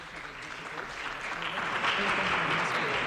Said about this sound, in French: Et il entre dans le hall et tout le monde l'applaudit. Nous sentons les applaudissements.